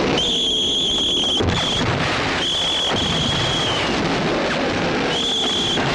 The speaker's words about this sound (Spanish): Cuando llega la hora, empiezan a sonar los silbatos.